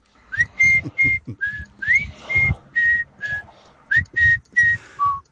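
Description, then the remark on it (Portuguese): A cheesy whistled tune, with a dozen or so clear, bright notes in a bouncy, evenly paced melody, some sliding up into pitch, played loud with soft rhythmic backing beneath. “Eu quero-me cá parecer que um assobio fatela neste momento é que vinha mesmo ajudar.”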